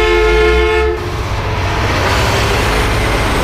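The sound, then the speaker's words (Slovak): A loud truck horn blares for about a second, then gives way to the heavy, steady roar of the big truck rushing past, so near it nearly runs a person over, rumbling and hissing without pause. “Ježiš, to čo bolo? Veď ma skoro prešiel.”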